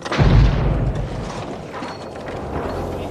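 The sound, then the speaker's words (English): A single loud pipe bomb explosion, from a bomb planted under the driver's seat of a car, booms with a deep, heavy low end, then fades into a long rumbling decay with scattered debris-like crackle. No one speaks. “But Backhouse never expected his wife to survive the explosion.”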